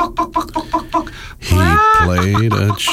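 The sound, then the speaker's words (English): A voice imitates a chicken, with a quick run of short rhythmic clucks followed by a drawn-out, rising squawk, loud. “He played a chicken once.”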